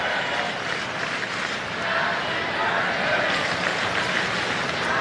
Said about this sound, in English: Crowd chanting happy birthday for Ohtani right now.